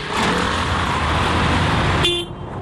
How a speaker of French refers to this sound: Des files de voitures jusqu'à l'horizon. Des familles entières s'entassent dans des véhicules chargés des valises de l'exil. Sur les toits, on peut voir des matelas et même quelques meubles. Nous sommes sur l'autoroute qui mène au sud du Liban,